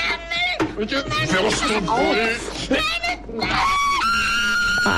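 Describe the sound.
A loud, piercing, high-pitched scream that shatters glass, from a scene of Günter Grass's masterwork where a drum is fought over, rises out of a jumble of excited voices, sustained and shrill toward the end, intense.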